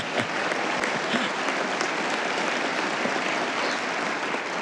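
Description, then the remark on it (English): A crowd at the Knights' Supreme Convention applauds the announcement of a video message from the Holy Father, many hands clapping in a dense, even wash of sound that holds at a consistent loudness throughout without pause. “And yes, you can applaud.”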